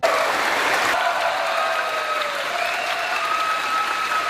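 A large audience applauds loudly and steadily in a big hall, a dense, continuous wash of clapping with faint cheers and whistles mixed in throughout.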